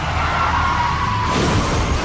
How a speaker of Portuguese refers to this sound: Chefe está capotando.